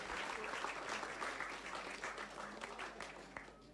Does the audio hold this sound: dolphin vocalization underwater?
no